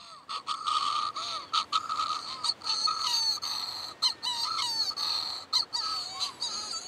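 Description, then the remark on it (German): Bird calls played back through a small voice recorder into a possible nest burrow on the Calf of Man, waiting for an answering call: a dense stretch of harsh, repeated cries with short gaps, sounding slightly tinny, with no talking. “Mit einem Diktiergerät spielt sie Vogeltöne ab und wartet auf Antwort.”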